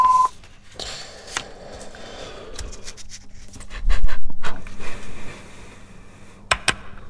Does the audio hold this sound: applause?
no